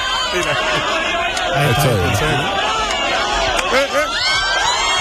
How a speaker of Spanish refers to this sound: También la gente gritando no ayuda.